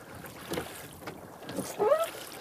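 An angler's oars pull a rowing boat through dense weed in the Langer See in Mecklenburg, Germany, with a few splashing, dragging strokes and soft swishes against a faint outdoor background, one stroke near the end louder.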